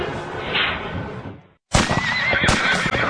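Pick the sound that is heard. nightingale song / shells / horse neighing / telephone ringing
horse neighing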